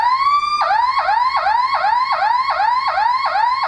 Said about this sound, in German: Und dann gibt es noch diese sogenannte Sirene, das hört sich dann quasi so an.